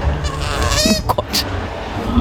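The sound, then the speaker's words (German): A small, cute-looking animal makes a few short, nasal grunts, brief rough bursts in quick succession over a steady low background noise, with no one talking. “Wie so ein süßes, kleines Grunzen.”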